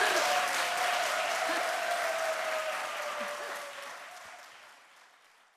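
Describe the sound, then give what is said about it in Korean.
An audience claps in a steady, dense wash of applause that holds for several seconds, then gradually fades away toward the end. “박수로.”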